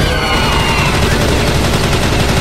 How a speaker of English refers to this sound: Take this. A Tommy gun!